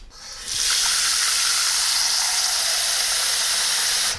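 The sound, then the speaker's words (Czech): A steady rush of water pours into a cooking pot, to be boiled for cooking mushrooms, beginning abruptly after a brief pause and continuing as a bright, hissing stream until the end, with no one speaking. “Čili já dám teďko do hrnce trochu vody.”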